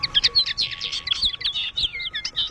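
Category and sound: bird, small birds chirping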